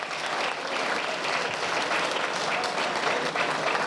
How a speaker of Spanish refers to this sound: Muchísimas gracias en esta tarde, pero el aplauso de manera muy especial para todas y para todos ustedes. Un aplauso, gracias por acompañarnos.